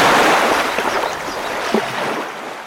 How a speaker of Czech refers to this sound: Hrázka se převalila celá a všechna ta vodní síla letí dolů potokem jako jedna jediná velikánská vlna plná vody.